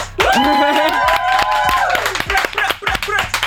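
A crowd applauds loudly, many hands clapping in a steady burst for a few seconds, with a sustained voiced cheer or call riding over the first half.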